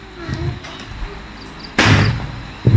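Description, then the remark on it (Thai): A pen drops onto a hard surface with a sudden sharp knock, then gives a second, shorter clatter moments later; otherwise only low background hum. “อันนี้มันปากกานะพี่น้องเสียงก้อนหินน่ะตก”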